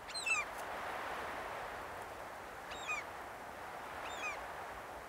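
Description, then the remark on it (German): Geese at a goose farm in Kaitum honk three times at regular intervals, each call a short harmonic burst, over a steady background hiss of outdoor ambience. “Auf dem Gänsehof in Kaitum ist fast jeden Tag ein Produktionstag.”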